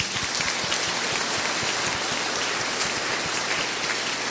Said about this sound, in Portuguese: Para os casais que estão participando do encontro, para a pastoral dos noivos, uma salva de palmas.